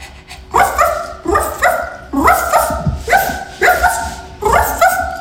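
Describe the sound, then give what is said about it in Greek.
A person convincingly imitates a small dog, letting out a steady series of about eight sharp, high yappy barks at an even pace, loud with no other sounds. “αυτό εδώ πέρα που ακούτε θα μπορούσε να ήταν σκυλάκι. Δεν είναι όμως σκυλάκι. Είναι άνθρωπος.”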